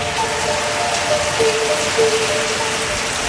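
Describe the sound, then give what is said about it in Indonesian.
Steady rain falling, a dense, even hiss across the whole stretch with no pauses, plus a few faint thin tones drifting underneath. No one speaks. “Musim hujan seringkali membawa berkah dengan udara yang sejuk dan lingkungan yang kembali segar.”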